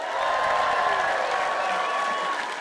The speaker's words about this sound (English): Give yourself a massive round of applause for singing.